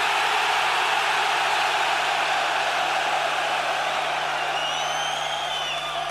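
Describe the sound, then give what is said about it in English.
A huge stadium crowd of some 32,000 heavy metal fans in Stockholm screams and roars in one continuous, dense wall of noise, staying loud and steady throughout, with a few shrill whistles rising near the end. “make the city of Stockholm heard that there was 32,000 fucking heavy metal fans in this stadium tonight, give them the fucking scream so they fucking can!”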